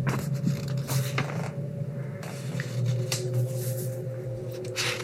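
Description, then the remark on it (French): Repeated bursts of dry scratching as a cat plays with its claws under a bed, coming in irregular strokes over a steady low hum, moderately loud. “Sous le lit, le chat joue de ses griffes.”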